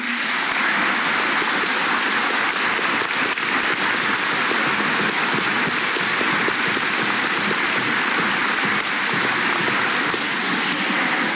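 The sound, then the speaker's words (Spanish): Sustained applause from a large crowd, a dense, steady wash of clapping that holds at an even loud level for about eleven seconds without pause or voices. “Y sin duda, por favor, un aplauso para nuestros hermanos del Jeín.”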